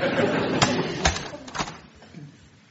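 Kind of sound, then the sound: household object, door being closed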